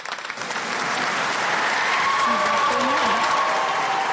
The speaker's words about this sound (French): Sous un tonnerre d'applaudissements. Jusqu'à présent, l'assemblée avait été assez silencieuse. Mais voilà, la joie éclate dans la cathédrale de Limoges.